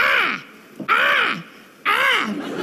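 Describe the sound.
A person vocally imitates a crow, letting out three loud, drawn-out caws spaced about a second apart, clear, with no talking in between, like the little cartoon crow flying across the sky in awkward TV moments.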